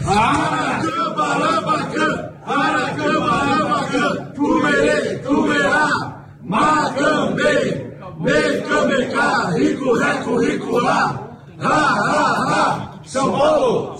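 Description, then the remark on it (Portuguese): A large crowd of football fans chants a war cry loudly in unison, voices rising and falling in rhythmic phrases broken by short regular pauses, the chant repeating steadily throughout. “Tá todo mundo pedindo o WhatsApp aí de novo, esse grito de guerra aí.”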